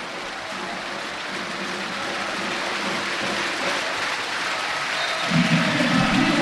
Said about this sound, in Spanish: Piden calma los jugadores del Canarias y del Barça. Y escuchamos ovación de Santiago Martín a su equipo.